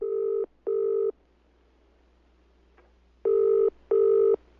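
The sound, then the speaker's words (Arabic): A telephone rings in two pairs of steady electronic tone bursts, each pair separated by a short pause, clear with no talking, introducing a phone question segment on Zikrakum Quran radio from Hadramawt. “سؤال على الهاتف.”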